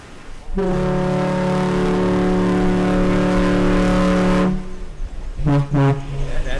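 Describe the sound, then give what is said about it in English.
A car ferry's deep horn sounds a salute: one long, loud blast lasting about four seconds, then two quick short toots a moment later, ringing out with nothing else competing, as the ferry begins its round trip on the lake between Manitowoc and Ludington, Michigan. “That toots like that, that's a salute to us.”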